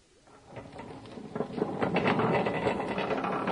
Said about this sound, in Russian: Трамвай пришел переполненным, и случилось так, что толпа отделила